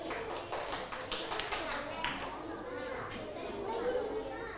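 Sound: children clapping hands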